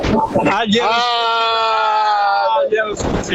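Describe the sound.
A loud, drawn-out shout rings out close by, one voice holding a long bellowing yell for a couple of seconds, framed by brief bursts of rowdy vocalizing at the start and end.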